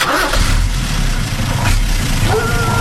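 The engine of a truck carrying people on the morning of their eviction from their house turns over and settles into a loud, steady low rumble, running continuously throughout with no voices.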